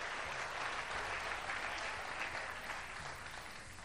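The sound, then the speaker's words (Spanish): A church audience at a morning service claps steadily for the Lord, a dense wash of applause that holds for several seconds at an even level, with faint voices mixed in beneath it. “Regálele un aplauso al Señor en esta mañana.”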